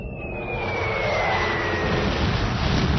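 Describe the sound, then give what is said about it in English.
A loud, steady engine roar of a diplomatic spaceship fleet from Proxima Centauri landing on Earth, with a high whine that slowly drops in pitch. It swells slightly and holds powerful, with no voices. “We now go live to this historic landing.”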